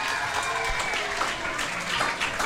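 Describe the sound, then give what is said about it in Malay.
An audience applauds a religious teacher, president of the parent-teacher association of the school SK Kangkong, at a pantun event, a dense wash of many hands clapping at an even, moderate loudness throughout, with faint voices mixed in beneath. “Tepuk tangan sikit pada Ustaz.”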